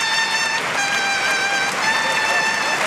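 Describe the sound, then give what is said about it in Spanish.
A large crowd at La Maestranza bullring in Seville applauds in a standing ovation for banderillero Luis Blázquez as he retires from bullfighting, a dense, steady roar of clapping filling the full three seconds, with a constant held tone running through it. “Gran ovación para Luis Blázquez.”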